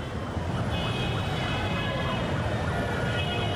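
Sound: city traffic with siren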